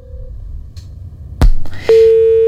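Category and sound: signal or alarm, telephone busy tone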